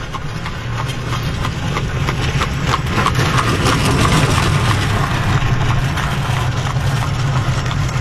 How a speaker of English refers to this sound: Passing traffic in Holmes County.